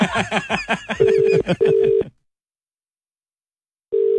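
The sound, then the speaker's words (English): A quick run of telephone dialing beeps gives way to a ringing tone in two short bursts, then a silent pause before the ring starts again. “you want to call the person who's”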